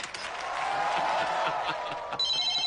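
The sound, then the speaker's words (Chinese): Noisy crowd clapping and chatter greet a job applicant arriving at a business park, then a high electronic telephone ring cuts in near the end, bright and steady over the fading commotion. “呀，这咋还来电话了呢？”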